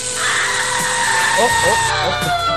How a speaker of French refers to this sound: Oh. Excusez-moi, j'ai dû me tromper, ça c'est le micro-ondes.